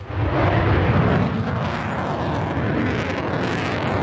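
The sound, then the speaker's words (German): A fighter jet roars loudly overhead at the ILA international aerospace exhibition, a dense, rumbling wall of engine noise that holds steady for several seconds with no voices. “Wenn Kampfjets über den Himmel ziehen und tausende Besucher aufs Gelände strömen”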